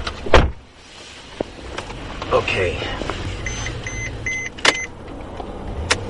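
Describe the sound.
Steady low road and engine rumble from inside a moving experimental Mercedes-Benz self-driving sedan in Germany, driven by a Mercedes engineer and heading for the Autobahn, with a few clunks and a run of short electronic beeps; a voice briefly speaks.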